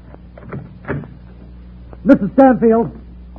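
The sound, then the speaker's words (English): A few soft mechanical clicks like a latch being worked as an apartment door in a building is unlocked, followed by the door creaking open with a drawn-out, wavering squeak. “Open the door, will you?”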